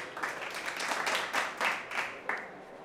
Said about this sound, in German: Wir kommen nun zum letzten Teilnehmer unseres Hundedressur-Vorentscheids. Die Nummer 78. Baron Heinrich von Hossewitz mit seinem Jagdhund Rex. Applaus für unsere Nummer 78.